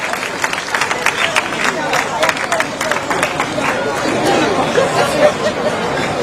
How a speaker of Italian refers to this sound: complimenti davvero, ancora un applauso. Bravi, bravi, bravi.